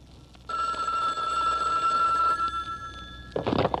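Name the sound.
telephone bell ringing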